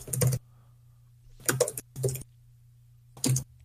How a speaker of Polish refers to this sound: A jak zwykle słychać moje typanie w klawiaturę.